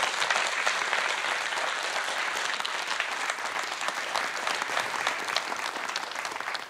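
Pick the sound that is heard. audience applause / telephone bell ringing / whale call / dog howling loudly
audience applause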